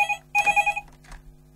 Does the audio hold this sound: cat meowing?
no